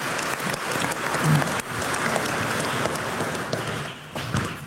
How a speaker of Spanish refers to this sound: Un aplauso a la Virgencita también este día.